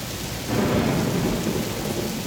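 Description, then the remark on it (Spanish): A thunderstorm with steady, hissing rain and a deep, rolling rumble of thunder that swells in after a brief moment and keeps churning underneath. No one speaks. “Con rayos. Escucha qué hermoso.”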